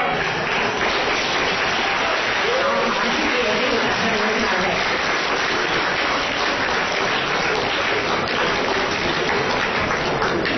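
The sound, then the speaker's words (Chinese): Sustained audience applause after a stage performance of a piece adapted from a traditional act, a dense, even wash of many hands clapping that holds steady for about ten seconds, with faint voices murmuring underneath. “谢谢大家掌声， 感谢大家。”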